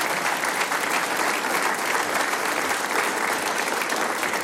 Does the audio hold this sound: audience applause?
yes